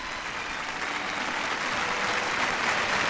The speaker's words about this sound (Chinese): 吕思清作为第一位登上这个舞台的中国音乐家，拉响了《梁祝》的第一个音符，全场立即响起了热烈的掌声。